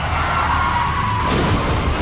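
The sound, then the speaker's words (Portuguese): A car crashes and tumbles over in a continuous, loud burst of noise: a thin screeching tone fades into heavy, rough crunching and rumbling for about two seconds, with no voices. “Chefe está capotando.”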